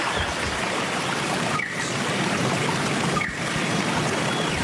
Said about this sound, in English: Hopefully the Wollombi Brook will be running like this, although I think we're poised for some dry weather, unfortunately.